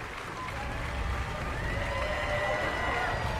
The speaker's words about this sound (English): Makes up for having to be the last people to take the stage during the call out. They get a big applause here.